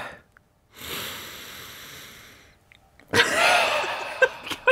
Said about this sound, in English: Do you want to have enough sniff? Okay. Okay, you get one more sniff. Ready? Okay. Here you go.